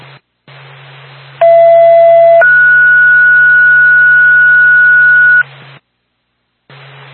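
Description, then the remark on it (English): A two-tone dispatch page from Twin State to the Woodville ambulance backup crackles over radio static: a lower steady tone holds about a second, then a higher tone sustains for roughly three seconds before the hiss cuts out. “Twin State to Woodville, ambulance backup, stand by for second tone.”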